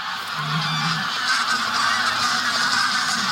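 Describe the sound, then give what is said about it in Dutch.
A large flock of geese flying in the sky honks continuously because a sea eagle is flying above; many overlapping calls form a dense, raucous chorus that stays steady and fairly loud throughout, with no talking. “Er vliegen een hoop ganzen in de lucht omdat daar boven ons een zeearend vliegt.”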